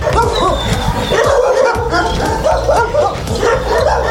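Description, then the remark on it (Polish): A loud, continuous chorus of many dogs awaiting adoption at the Na Paluchu animal shelter in Warsaw, barking and yapping at once, overlapping barks with some whining mixed in, filling the whole stretch without a pause. “Już w niedzielę w Parku Agrykola pojawią się podopieczni schroniska na Paluchu, a to świetna okazja, by poznać psy czekające na adopcję.”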